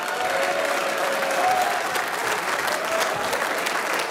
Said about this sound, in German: Applaus für unsere Guttauer Stummhocker.